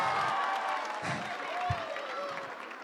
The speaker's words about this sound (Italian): ancora un grande applauso, fatevi sentire Baia Domizia.